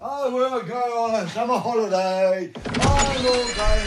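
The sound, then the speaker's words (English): A door opens to the outside at about two and a half seconds, and a wash of loud outdoor street noise in Berlin abruptly replaces the quieter indoor sound. Wavering, voice-like tones come before it. “So, going to open the door to the outside world then, because I'm going to go on a summer holiday.”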